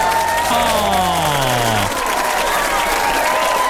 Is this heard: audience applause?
yes